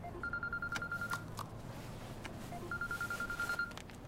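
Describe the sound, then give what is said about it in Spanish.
A telephone rings with a rapid electronic trill, two bursts about a second long separated by a pause, clear against a low background hum. “El teléfono de Ji-hun suena.”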